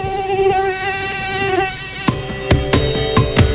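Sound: mosquito buzzing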